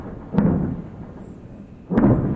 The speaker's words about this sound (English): Some of the sounds of explosions in Lebanon overnight.